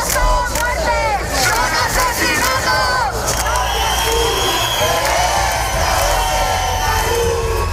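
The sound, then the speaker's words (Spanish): A large protest crowd in Madrid, protesting the death of Mari Carmen after an eviction, chants and shouts slogans in unison such as "no toleraremos ni un desahucio más", many raised voices blending into a loud, continuous roar that swells with rhythmic calls throughout. “Dolor y rabia por la muerte de Mari Carmen con consignas como no toleraremos ni un desahucio más o no habrá más Mari Cármenes en Madrid.”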